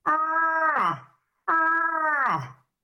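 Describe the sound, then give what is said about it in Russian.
Two drawn-out, loud moaning calls from a bull moose in rut, calling for females in the forest at night, each about a second long and sliding down in pitch at the end, with a short silent gap between them. “Что самцы в прямом смысле слова с заката до рассвета всю ночь носятся по лесу, издают вот такой голос.”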